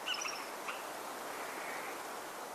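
A few quick, high bird chirps ring out at the very start, then fade into a steady, soft outdoor hiss. The song is faint.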